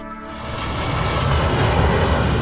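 A loud, steady airplane engine roar with a broad rumbling drone that swells slightly over a couple of seconds, with no voices, as an Air France airliner arrives in Saigon.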